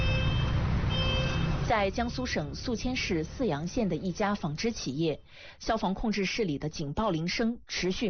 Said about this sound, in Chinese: 在江苏省宿迁市泗阳县的一家纺织企业，消防控制室里的警报铃声持续鸣响，但控制室大门紧闭，室内空无一人。 你看里面主机还在报警，你听见滴滴滴滴一直在报警，万一真有事故什么火灾了，你看没有人值班。